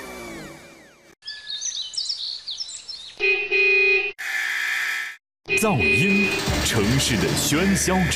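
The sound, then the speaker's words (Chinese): A loud, abruptly cut montage of urban noise, with sustained blaring car horns honking over a busy traffic din alongside other harsh city sounds, and no one speaking. “噪音，城市的喧嚣之痛。”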